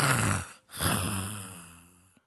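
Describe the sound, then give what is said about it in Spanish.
A preacher's voice imitates snoring, portraying a church member asleep in church during the sermon: two long, raspy snores, the first broken by a short gap, the second fading out with a faint click at the end. No words are spoken. “Pero el hermano está roncando, durmiendo en la iglesia y ni paga el hotel.”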